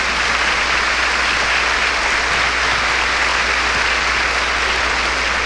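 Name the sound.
audience applause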